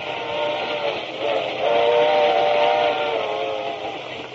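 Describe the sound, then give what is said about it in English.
A Great Valley Railroad steam train's whistle blows in a long, steady tone over a constant rushing hiss of steam, loud, just before passengers board, with no voices. “he decided we were also going on the train.”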